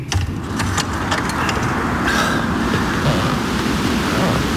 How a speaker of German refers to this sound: Mein Gott. Sicherlich wird sich der Sturm in Kürze zum Orkan entwickeln.